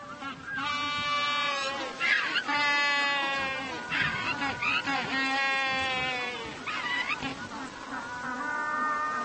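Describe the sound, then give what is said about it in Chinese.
A penguin brays loudly at its finished burrow nest, announcing it to potential mates, a long series of harsh, donkey-like honking calls with a bleating quality, repeating in rhythmic bursts for several seconds. “他大声宣布洞朝建好了，欢迎异性参观。”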